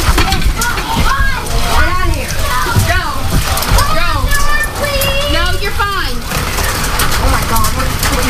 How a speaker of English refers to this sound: Dime-sized hail, too. Like. Wow. Yes. It is dime-sized. I have two pieces of dime-sized in my hand.